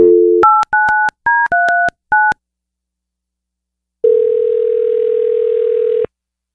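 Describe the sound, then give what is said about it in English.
A phone line gives a brief dial tone, then a quick run of about seven touch-tone beeps, a short pause, and one long steady ring tone, loud with no voices, as a call is placed to a man's wife. “Let's get your wife on the phone.”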